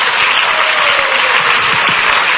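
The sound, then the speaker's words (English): Dense, steady applause from an audience clapping for God, a continuous wash of many hands clapping at full volume with no pauses, a faint tone running underneath. “Can somebody clap for God or pagan?”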